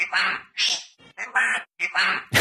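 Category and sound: bird, parrot calling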